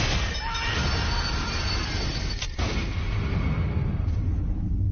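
A moving train rumbles steadily, its wheels clattering over the rails in a dense, continuous roar, with one brief sharp jolt partway through. No voices.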